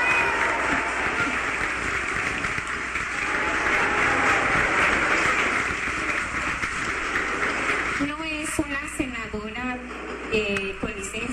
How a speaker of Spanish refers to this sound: Por lo que yo les invito a que le demos un fuerte aplauso.